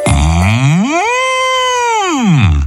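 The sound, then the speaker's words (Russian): A single long bull's moo, about two and a half seconds, that starts low, rises to a sustained, strained tone, then slides back down. It is loud and rich in harmonics, with no talking. “Идет опять зайчик, ему навстречу бык.”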